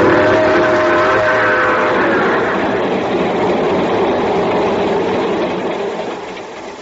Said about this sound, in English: So I'm here, sitting in the observation car of the train just pulling off for Palo Alto, California.